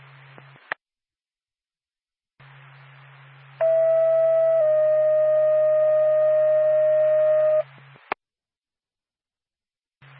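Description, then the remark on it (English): The second ambulance dispatch alert tone over radio for Norvac, Lancaster ambulance, sending it to 280 West Lunenburg Road, Lunenburg, for a single car motor vehicle accident with injury: a steady two-part electronic tone, the first pitch briefly then a slightly lower one held for several seconds, framed by static hiss and sharp squelch clicks. “Norvac, Lancaster ambulance, your second tone.”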